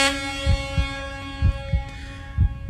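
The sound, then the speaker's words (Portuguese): The horn of a delivery driver's vehicle sounds in one long, steady, bright blast that lasts the whole time, with soft rhythmic low thumps pulsing beneath it. No one speaks. “Aí tá a buzina dele, né? Tá, dá aquela buzinada.”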